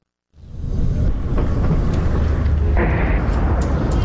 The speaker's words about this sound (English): We've just arrived at the hospital here in Abati, and we've just heard two loud explosions in the distance. A third one. I can see a huge plume of dense, thick smoke billowing from a location not far from here, just behind the hills.